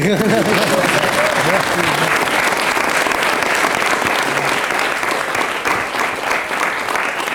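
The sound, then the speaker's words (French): An audience bursts into sustained applause, a dense, steady wash of clapping that stays loud throughout, with a few voices and a brief higher-pitched call audible near the start. “Vous pouvez applaudir.”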